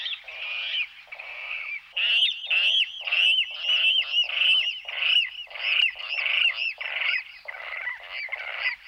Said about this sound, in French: Il est très difficile à observer, et voilà, le râle aquatique qu'on a eu la chance de très bien entendre tout près de nous.